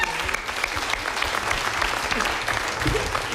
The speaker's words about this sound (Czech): No, ale prosím vás, ještě potlesk pro to podbarvení. To bylo hodně dobré.